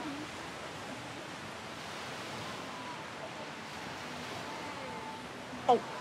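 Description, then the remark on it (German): Steady, washing surf noise of the sea fills the whole recording, like waves breaking continuously on a shore, with faint voices of people posing for a photo murmuring underneath and a brief sharp sound near the end. “Dann macht ihr die ganze jetzt mal bitte in diese Richtung, damit das Meer hinter euch ist und ich ein super Foto mache.”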